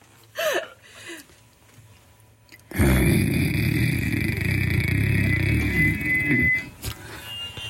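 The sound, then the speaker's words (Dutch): A person imitates a dog's growl: a loud, rough, rumbling snarl held steadily for about four seconds after a brief quiet moment with a faint vocal sound. “Hij gromt nog een beetje.”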